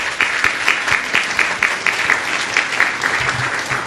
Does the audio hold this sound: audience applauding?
yes